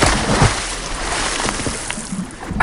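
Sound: splashing water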